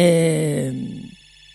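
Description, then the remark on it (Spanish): A telephone rings with one sustained electronic tone, rich and buzzy, that fades out over about a second. It plays alone at moderate volume, with no talking. “Me están llamando por teléfono.”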